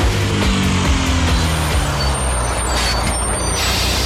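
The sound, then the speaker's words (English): A heavy Canberra Explorer bus rumbles up, its engine droning low before a loud hissing burst of air brakes fills the scene, with no voices present. “Are you driving a bus?”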